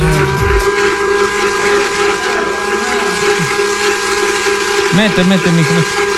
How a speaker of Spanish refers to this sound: ¿Qué están haciendo? Están metiendo todos los chicheros en la licuadora.